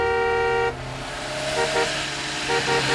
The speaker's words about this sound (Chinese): 三轮摩托车很快就淹没在大车的车流里。